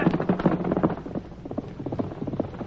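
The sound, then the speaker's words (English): Horse hooves galloping in a quick, steady rhythm of repeated thudding beats, fairly loud and continuous throughout, as riders chase after a man who ran out of a place. No voices over them. “Get going, horse.”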